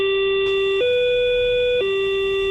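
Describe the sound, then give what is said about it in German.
An old Berlin S-Bahn commuter train sound: a loud, steady buzzing tone that steps up to a slightly higher pitch for about a second, then drops back down. No voices. “Das alte S-Bahn-Geräusch, das hat mir auch noch gefallen.”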